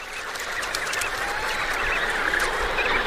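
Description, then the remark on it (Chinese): A dense, steady chorus of emperor penguins calling in their icy world in the last weeks before the ice melts, while the father and mother take turns feeding the chick; adult and chick voices overlap continuously into a noisy colony din at fairly even loudness, with no talking. “在冰层融化的最后几周内，地企鹅爸爸和妈妈会轮流喂养宝宝。”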